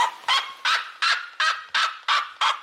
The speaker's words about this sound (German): Ja, die Rotfußseriema, also der andere sehr laute Vogel, der hat so einen jaulenden Ruf.